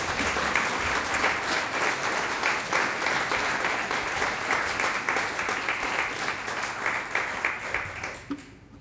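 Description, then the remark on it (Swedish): An audience applauds the string quartet Neo Quartet at Skeppet, a dense wash of many hands clapping at once, sustained for several seconds before tapering off near the end. “Det här är en stråkkvartett och de heter Neo Quartet. En applåd för dem.”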